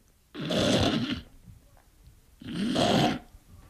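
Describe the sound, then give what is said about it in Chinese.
A male storyteller imitates the loud snoring of the character Cheng Yaojin: two long, rasping snore breaths separated by a quiet pause, prominent with no talking. “程咬金说不睡啊，呼噜出来了。”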